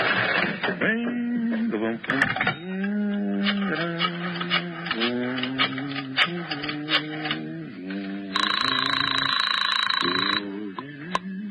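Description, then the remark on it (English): A man talks, then a telephone rings loudly in one continuous burst of about two seconds before talking resumes, as a phone call is placed to the Marcus Talent Agency. “Right now, I want to make a phone call.”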